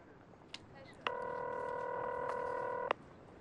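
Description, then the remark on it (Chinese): A telephone keypad tone sounds as one steady electronic beep, held for almost two seconds, after a faint click, as a man is made to dial a call to his girlfriend. It is clear, with no talking. “现在我要你给你女朋友打一个电话，不要让她报警，并且说你马上赶到那里。”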